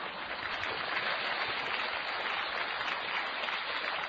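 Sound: audience clapping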